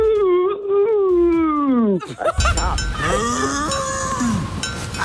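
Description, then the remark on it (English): Bessie the Cow's moo, a contest cue on Kiss 101 radio: a long, drawn-out moo rises and then sags in pitch, followed by a brief noisy burst and a few shorter, wavering lows over a busier, rougher background. “Bessie the Cow's Moo. When you hear that, you call me,”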